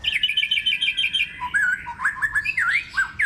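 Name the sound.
songbird singing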